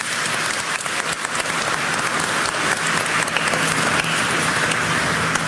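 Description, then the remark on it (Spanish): An audience at a Catholic Mass for the Solemnity of the Holy Trinity applauds steadily, a dense, continuous clatter of many hands clapping that fills the space at an even level for several seconds with no voices on top. “Un aplauso, Santísima Trinidad.”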